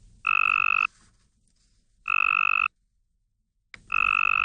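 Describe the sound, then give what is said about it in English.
A Cope's gray tree frog's mating call: three loud, buzzy trills, each lasting over half a second, repeated at a steady pace with short quiet gaps and no voices. “Researchers at the University of Tennessee in Knoxville have just released their findings in a study of female tree frogs confronted with a tricky choice between this...”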